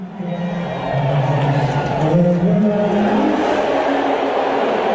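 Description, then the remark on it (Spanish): A large stadium crowd roars continuously as Donald Trump is shown on the stadium screens, with sustained booing and shrill whistles rising and falling through a dense, loud wash of voices that never lets up. “ahí me parecen abucheos. Pitos, no sé, pero.”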